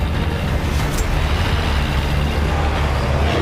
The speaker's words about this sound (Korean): 도로에 바리케이드가 서 있다. 김학균은 트럭을 돌진시키 바리케이드를 부수고 달려나간다.